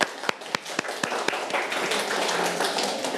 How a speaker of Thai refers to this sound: เพื่อนๆปรบมือให้หน่อยครับ